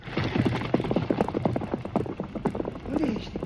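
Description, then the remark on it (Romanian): Horse hooves gallop in a quick, steady clatter of sharp hoofbeats that keeps going throughout, with a brief voice sounding faintly near the end. “Ai dreptate, pe cai, gata, galop!”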